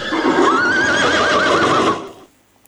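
A horse neighs in one long, wavering whinny that rises, trembles, and trails off over about two seconds, loud and alone with no talking, then fades into quiet.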